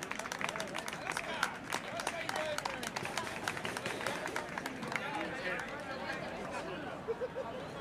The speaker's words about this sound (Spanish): Un fuerte aplauso y gracias a los tres.